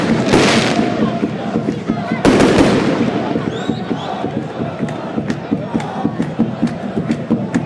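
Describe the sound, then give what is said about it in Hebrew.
A pyrotechnic fireworks show outside a stadium: fireworks crackle and bang repeatedly over a loud, roaring crowd of fans, with two heavy bursts near the start and a steady scatter of sharp pops that continues throughout. “אופה, איזה זיקוקים אנחנו מקבלים פה, חבר'ה, מופע פירוטכני מחוץ לאצטדיון.”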